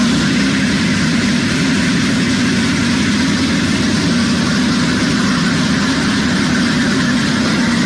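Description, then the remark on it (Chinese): The first comprehensive inspection train of the Yixing high-speed railway in the mountains of western Hubei, China, hums steadily as it begins leaving the platform at 8:30 a.m. to start joint commissioning tests, a loud, even rumble of heavy machinery with a broad hiss on top, unchanging throughout and with no voices. “现在是上午的8:30，我现在是，那在我身后呢，宜兴高铁的首趟综合检测车呢即将驶出站台，这也标志着宜兴高铁正式启动了联调联试工作。”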